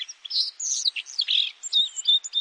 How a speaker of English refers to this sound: The white-throated sparrow travels well into northern Canada during the breeding season. But in autumn, you'll find them kicking up leaf litter from the east all the way down into Texas and even into the southwest.